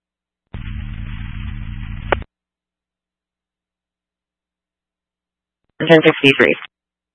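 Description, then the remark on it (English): A burst of radio static, about a second and a half of steady hiss and low hum with no voice, ends in a click. After a pause, a short garbled voice-like transmission follows. “372 static.”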